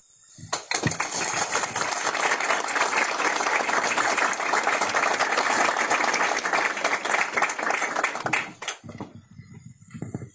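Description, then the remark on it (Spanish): A crowd bursts into sustained applause marking 14 years of a neonatology unit, many hands clapping densely and steadily for about eight seconds before it cuts off abruptly, leaving a few scattered claps and faint background noise. “creo que es un logro de todos y el aplauso es para todos por estos 14 años de trayectoria en neonatología.”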